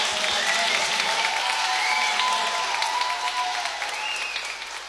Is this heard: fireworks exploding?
no